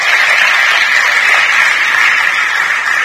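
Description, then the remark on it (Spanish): Sustained crowd applause given to God, hailed as the King, a dense steady wash of many hands clapping at once, loud and even throughout with no voices standing out. “Dale un aplauso al Rey.”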